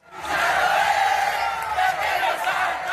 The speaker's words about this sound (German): Das Spiel ist abgepfiffen, die Fans der argentinischen Mannschaft kommen aus dem Jubel nicht heraus,